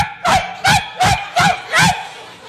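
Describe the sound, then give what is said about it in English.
A person imitates a big two-year-old rescue dog, letting out five loud, deep barks in a steady rhythm, clear with brief pauses between each woof. “So my wife brings home a rescue dog.”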